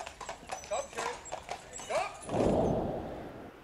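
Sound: horses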